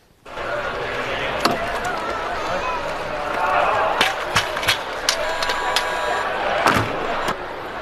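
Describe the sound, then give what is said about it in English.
Humanoid robots trip, fall and slam into walls at the World Humanoid Robot Games in China: several sharp thuds and clattering crashes land irregularly over a steady background din, a few of them loud. “Clips of humanoid robots tripping, falling down, and slamming into walls are bringing, yes, a lot of joy to people.”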